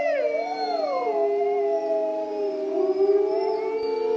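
Several wolves howl together in long, sustained tones, one voice sliding down in pitch while others hold steady higher notes, forming an overlapping, continuous chorus with no talking.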